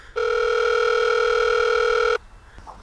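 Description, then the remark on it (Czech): A visitor rings the bell at the gate of a chef's home: one steady electronic buzz, a loud, even two-tone hum held for about two seconds before cutting off abruptly, followed by faint rustling. “pěkně způsobně zvonil u vrátek.”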